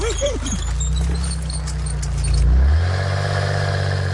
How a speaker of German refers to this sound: Kalli fährt ganz langsam und leuchtet die Straße ab. Er fährt so langsam, dass Tino ihn fast überholt.